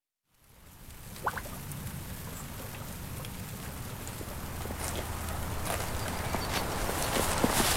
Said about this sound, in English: The rainy sounds of livestock and vegetable production at Rock Bottom Ranch.